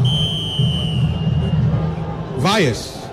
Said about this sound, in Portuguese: Vaias e silêncio na sequência. Um pro Mirassol, 0 pro Vasco. Primeiro tempo encerrado aqui em São Januário.